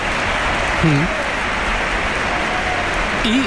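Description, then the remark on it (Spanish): Dense, steady applause from a large stadium crowd at the Bernabéu during Real Madrid vs Real Oviedo, as Gonzalo comes on as a substitute; a continuous rushing clatter with a couple of brief voices or whistles rising faintly above it. “Aplausos.”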